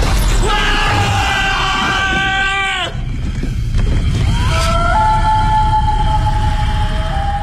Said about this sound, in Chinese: 夜里二人战战兢兢地驾车去送这个神秘的快递，当他推开房门的时候，黑漆漆的屋子让两个人不禁尖叫起来。